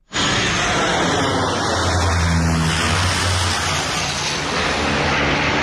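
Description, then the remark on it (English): A loud, steady engine roar of three low-flying Canadian firefighting aircraft releasing more than 3,000 gallons of water onto wildfire flames at Le Temple in Gironde, France, fills the whole clip, with a deep droning hum swelling in the middle before easing slightly; no one speaks. “sent us this from Le Temple in Gironde as three Canadian aircraft fly overhead and release more than 3,000 gallons of water onto the flames below.”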